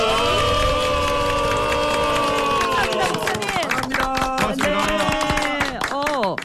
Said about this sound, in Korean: 서순성 목사님께 감사의 박수 한번.